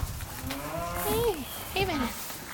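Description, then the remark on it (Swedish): Pigs in a pig barn on a farm with 1,500 pigs outside Fjärås, south of Kungsbacka in Halland, let out two drawn-out, pitch-sliding grunts over a steady low rumble of barn noise. “Förutom gården med 1500 grisar jobbar de med odling av spannmål.”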